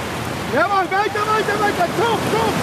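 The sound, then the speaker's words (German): A steady wash of beach surf roars throughout on a beach in Long Beach, California, during a training camp of the German national coastal rowing team, with a man's voice talking over the rushing water and breaking waves. “steht in Neoprenhose und klatschnassem T-Shirt im knietiefen Wasser und wartet auf seine Athleten.”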